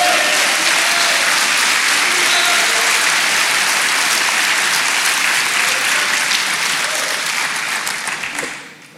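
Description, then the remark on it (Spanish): An audience claps loudly for the Lord in sustained, dense applause for about eight seconds, the many overlapping claps forming a steady wash before fading out at the end. “dele palmas al Señor.”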